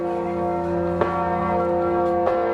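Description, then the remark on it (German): A large bell, the country's second-largest at almost 10 tonnes, held by a heavy wooden bell frame on a pontoon floating on the Vltava at Náplavka in Prague, rings with a deep, sustained hum of overtones, struck twice about a second apart, each strike clanging out over the lingering resonance. No voices are heard. “Auf einem der Pontons schwimmt eine Glocke auf der Moldau, gehalten von einem schweren Glockenstuhl aus Holz.”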